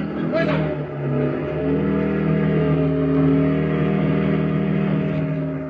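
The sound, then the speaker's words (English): A borrowed parked motorcycle's engine revs loudly and keeps droning as it is ridden away, a steady, continuous mechanical roar filling the whole stretch. “Then I borrowed a parked motorcycle. Just as the Germans were spilling out the front door, I drove off, headed back to where I'd buried the papers.”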